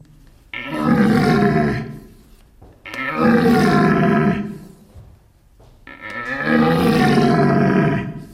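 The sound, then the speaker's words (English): Three long, loud, deep bellowing roars imitating a red deer stag's rutting call, made by a person grunting with the vocal cords into a caller of two pipes fitted over each other while opening and twisting the tube, each lasting about two seconds with brief pauses between. No talking. “To imitate them, mating call of the deer, there is a device they use that looks like two pipes fitted over each other.”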